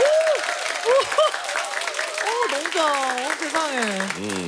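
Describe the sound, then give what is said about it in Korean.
A studio audience at a Korean radio show claps steadily and densely throughout, a bright crackling wash of applause, while voices speak and exclaim loudly over it. “충분히 박수 받을 만한 자격이 있고 인기가 있는 거죠.”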